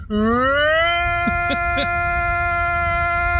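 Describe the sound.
A voice imitates a tornado siren, sliding upward into a loud, steady, buzzy wail that holds for several seconds, with a few brief wavering blips partway through.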